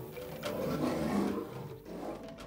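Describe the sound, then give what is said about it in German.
Deep, rumbling growls from a mating pair of lions in a national park, a sustained throaty snarl that swells and fades over a couple of seconds, moderately loud with no voices. “Das ist ein schönes Schauspiel bei den Löwen.”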